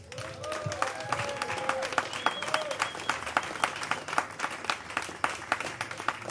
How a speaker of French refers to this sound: Et nous pouvons aussi encore remercier et applaudir bien fort à notre première partie